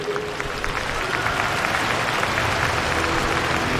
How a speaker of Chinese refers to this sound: 掌声欢迎梅尔滕斯。